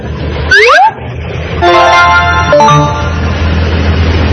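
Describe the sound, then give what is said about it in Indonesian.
A motorcycle engine rumbles low and steady while a quick rising squeal sounds, followed by two short, bright horn beeps about a second apart. No one speaks. “Bahasa Arabnya motor. Motor.”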